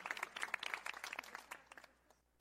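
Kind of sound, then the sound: crowd, applause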